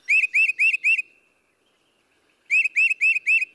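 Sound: bird calls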